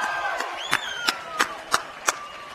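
An audience claps together in a steady rhythm, about six sharp, loud claps roughly a third of a second apart, with a faint high whistle and crowd noise running underneath, applauding musical performers at an evening event with an MC.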